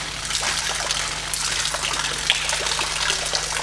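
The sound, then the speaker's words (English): Water pours steadily into a well-sealed plastic bag with no holes in the bottom, a continuous gushing and splashing rush with a faint low hum underneath and no voices. “I specifically got this plastic bag because it has no holes in the bottom as well. The plastic bag is incredibly well sealed. Water baby.”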